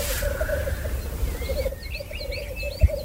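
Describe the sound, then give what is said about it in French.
A displaying grouse cock at a lek, already down on the ground, gives a steady, low bubbling call that runs throughout, with a low rumble beneath, high chirping bird calls joining in the second half, and one soft thump near the end. “Plus là, il y a un coq qui est déjà descendu au sol, parce qu'en général il chante souvent sur le sommet des épicéas au départ, puis après ils descendent au sol.”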